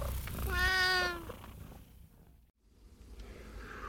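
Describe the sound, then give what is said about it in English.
A person imitates a cat with one drawn-out, wavering meow, loud, followed by a few seconds of quiet background hiss. “If pussycats work for you, I'll just meow till I get you free.”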